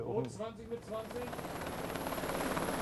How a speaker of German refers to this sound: FDL an alle Stationen, Hubschrauber im Anflug. Das Manöver steuern die Beamten von der Brücke aus.